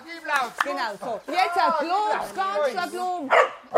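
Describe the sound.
A female dog trainer imitates a dog's barking with a run of short, excited bark-like yelps, loud, several in quick succession, as the hunting dog Ayla on a long leash approaches fenced-in wild boars during hunting-dog training.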